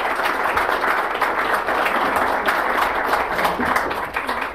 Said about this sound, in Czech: Teda tomu já, věřte, tleskám.